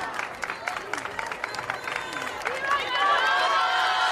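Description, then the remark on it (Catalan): A crowd claps steadily in dense, crackling applause, with voices and cheering mixed in, as Pope Leo XIV gets out of his car and is received at the entrance of the Congress of Deputies; the clapping and crowd noise swell louder toward the end. “Aquests són els aplaudiments.”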